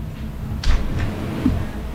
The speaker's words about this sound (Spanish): Pero están golpeando. No, fue la golpeando. Puerta, fue que se cerró la puerta.